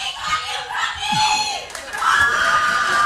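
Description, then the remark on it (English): A loud, lively crowd with voices shouting and calling out over steady background chatter, one voice rising above the din near the end, like someone yelling from the audience. “That's, we rarely have well, people come out and they come out loud.”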